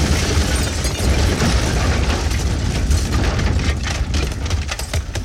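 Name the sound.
car bomb explosion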